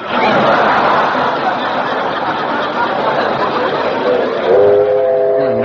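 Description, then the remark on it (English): The 4:19 train rumbles past on time with a loud, steady roar of clattering noise, and a sustained whistle sounds near the end. “Didn't I hear a train?”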